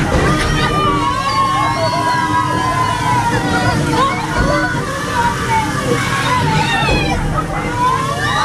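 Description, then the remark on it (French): Water splashes and sloshes loudly and continuously as water cannons spray a boat moving along a small river on an attraction ride, with indistinct crowd voices and excited chatter mixed underneath. “C'est pas simplement un tour, là c'est simplement un bateau qui avance dans une petite rivière, mais ajouter à ça des canons à eau, on passe un super moment qui est au-delà de simplement la balade au milieu d'un joli décor.”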